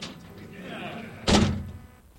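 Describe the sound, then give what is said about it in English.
A big, heavy door is slammed shut once with a loud, booming thud, followed by a brief rattling decay and low rumble. “Hey, but I have to incarcerate myself, which means I got to slam my door closed.”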